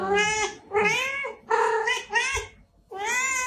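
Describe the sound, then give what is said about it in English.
A cat meows four times in a row, long drawn-out, wailing cries with short pauses between, loud, with no other sounds around them. “What colour is that cat?”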